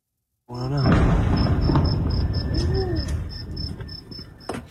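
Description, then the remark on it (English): A sudden loud explosion from U.S. airstrikes in northern Iran erupts after a moment of silence, then a deep rolling rumble slowly fades while crickets chirp steadily in a high, pulsing rhythm. “The sound of escalation in the Middle East, an explosion in northern Iran.”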